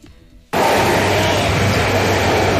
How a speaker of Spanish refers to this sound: Ese sonido que ustedes estaban escuchando de fondo es el ruido que hacen los trenes de la línea 1 del metro de Bogotá.